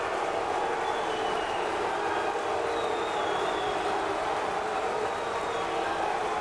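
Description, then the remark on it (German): An opera audience at Bayreuth applauds in a dense, steady wash of clapping, with boos mixed into the crowd noise throughout, holding at an even loudness without a break; many boo, while others applaud the director, Valentin Schwarz. “Es gibt viele Buhrufe, aber es gibt auch Leute, die Valentin Schwarz, den Regisseur, beklatschen.”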